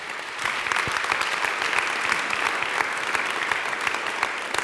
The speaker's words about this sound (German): Großen Applaus an dieser Stelle.